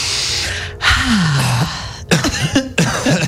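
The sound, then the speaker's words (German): A deep, rasping intake of breath gives way to several short, rough coughs in a Radioton radio studio, coming in an uneven burst, fairly loud and with no talking. “Was hustest du hier rum? Ich hab selber gehustet.”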